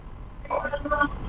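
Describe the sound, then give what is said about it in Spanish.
A telephone call connecting on the line: a low, steady line hum, then a faint, muffled voice briefly comes through with a narrow, tinny phone quality. “alguien está en el teléfono.”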